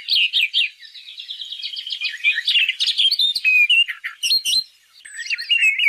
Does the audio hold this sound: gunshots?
no